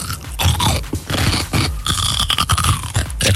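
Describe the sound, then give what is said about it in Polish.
A loud bite into a crisp pickled or lightly salted cucumber, followed by several seconds of wet, crunchy chewing in irregular bursts, with no voices. “Ogórek kiszony albo małosolny.”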